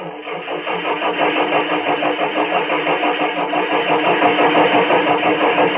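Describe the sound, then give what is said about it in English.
A car engine cranks over and over in a steady, rapid rhythmic churn for several seconds without catching, fairly loud, with no voices. “oh, no. No, why now? Why me? Want me to start?”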